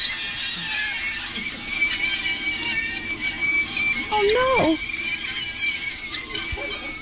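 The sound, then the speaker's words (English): Sausages squeal in a frying pan as they contract, with a steady, thin, high-pitched whine that holds nearly unbroken over a soft sizzle, while someone briefly exclaims partway through. “No, you put them in the pan, and they contract and do their thing, and... And they scream.”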